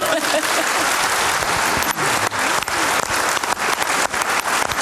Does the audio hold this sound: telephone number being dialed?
no